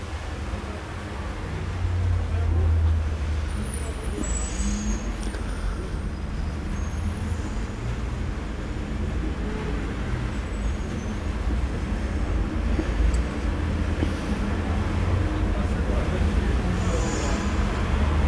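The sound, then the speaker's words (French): A steady, heavy rumble of street traffic: a number 86 bus, a Nicolas truck, another truck, several cars, taxis and a van pass in a continuous low roar, with faint high squeals now and then, and no voices. “Passe un 86, les cocotiers sont arrivés. Un camion Nicolas. Un camion beurre au fromage. Plusieurs voitures, des taxis.”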